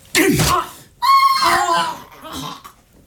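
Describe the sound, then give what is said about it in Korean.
A man cries out in pain after being punched in the face and knocked backward, a short harsh yell followed by a longer, strained wailing scream that tapers into a weaker groan, loud with no speech. “누군가가 비명을 질렀다.”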